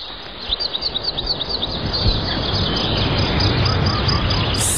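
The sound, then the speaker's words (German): Birds chirping in a quick, rhythmic series of high tweets, heard over a steady rustling outdoor background that continues after the calls soften. “Vogelgezwitscher. Das sollte gut sein für die Gesundheit.”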